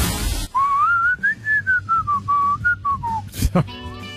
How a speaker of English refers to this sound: I don't know how many more times I got to whistle, but today that's what the theme is for your Double Shot Tuesday.